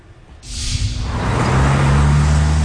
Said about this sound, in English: A busy intersection in the city of Baltimore. Cars zipping by may not know they're being watched.